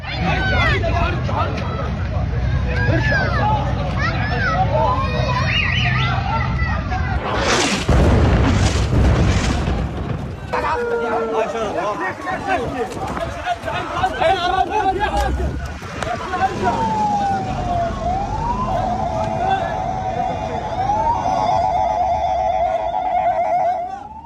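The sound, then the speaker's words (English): Chaotic outdoor scene after an Israeli airstrike on a Tuesday, as civil defense crews try to put out fires inside targeted buildings: crowds shout over rumbling noise, a burst of heavy booms hits midway, then a wailing siren rises and falls near the end. “filmed himself near the scenes of some of the Israeli airstrikes on Tuesday and recorded civil defense crews trying to put fires out inside buildings that were targeted.”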